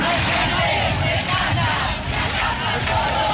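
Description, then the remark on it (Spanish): A large protest crowd of thousands chants and shouts together in the Plaza de Obradoiro, Galicia, demanding the right to housing; a loud, dense roar of many voices with rising yells, steady throughout with no individual speech standing out. “Miles de personas se concentraban esta mañana en la plaza de Obradoiro para reivindicar el derecho a la vivienda”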